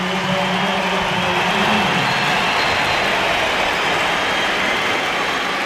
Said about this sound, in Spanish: A Aitana Bonmatí. Recordemos, superaba después de 6 meses esa fractura de peroné que la mantuvo fuera de los terrenos de juego. Esta es la ovación para...